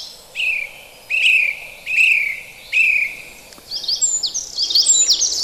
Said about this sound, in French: C'est un chant très bruyant, clair et varié. La grive musicienne qui naguère était fortement chassée.